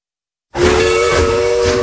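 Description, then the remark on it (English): A loud steam train whistle of the Dollywood Express starts abruptly after a half-second of silence and holds one steady, multi-toned blast with heavy hissing steam mixed in. “All aboard the Dollywood Express.”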